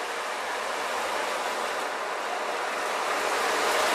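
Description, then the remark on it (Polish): An ocean drum, an instrument inspired by the Native American water drum, is moved so the small metal balls inside roll across it: a steady, dense wash of rolling, hissing rattle, like surf washing in, sustained evenly for several seconds with a slight swell toward the end. No voices. “W tym instrumencie ukryto małe metalowe kuleczki. Kiedy instrument porusza się, kuleczki toczą się po jego wnętrzu, naśladując brzmienie wody i fal.”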